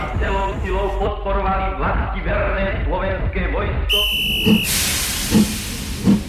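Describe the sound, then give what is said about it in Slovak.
A steam train bound for Banská Bystrica, its carriages full of people, hisses loudly, a broad wash of escaping steam rising after a brief sharp whistle, with low rhythmic chuffs thumping beneath. Before it, voices murmur indistinctly over the rumble. “Na druhý deň sme s otcom sedeli vo vlaku do Banskej Bystrice.”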